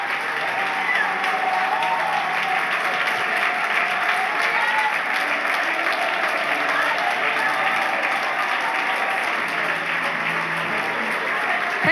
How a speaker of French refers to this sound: Est-ce que l'on peut applaudir le roi des rois, le Seigneur des seigneurs, le Dieu de gloire ce matin?